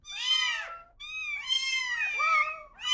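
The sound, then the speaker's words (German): A cat meows repeatedly in drawn-out cries, three calls in quick succession with short pauses between them, clear and fairly loud with no voices present. “Katzen lernen Wörter schneller als Kleinkinder. Und sie passen ihre Miaulaute ihren Menschen an.”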